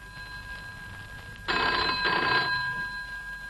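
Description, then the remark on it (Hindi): A telephone bell rings in two bursts, a bright, rattling metallic trill starting suddenly after a quiet stretch, then fading slightly. No one speaks. “अरे रे रे रे, फिर घंटी।”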